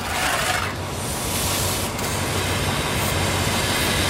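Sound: steam locomotive running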